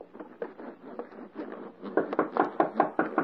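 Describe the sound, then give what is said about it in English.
A rapid, steady run of wooden knocks on a door, about a dozen hits that grow louder and sharper in the second half, with no voices. “Hark. Someone knocks.”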